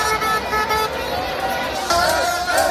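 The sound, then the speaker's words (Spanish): Busy street traffic in the capital on a Monday morning, with car horns honking, steady and loud throughout, the tooting layered over a dense city din with indistinct voices mixed in. “A esta hora se mezcla el tráfico y el trasiego de un lunes cualquiera con los rezagados que todavía se resisten a volver a casa a dormir después de una noche gloriosa.”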